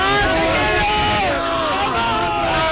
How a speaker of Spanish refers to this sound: Esto ha sido una locura. Todo el mundo gritando, celebrando, abrazándose entre ellos, es espectacular el gol que acaba de meter España. Estamos en la final ya.